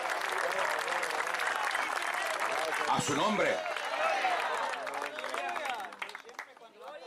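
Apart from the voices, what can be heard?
audience applause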